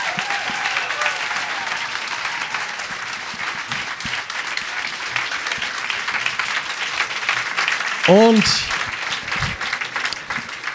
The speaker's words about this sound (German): Dein Applaus.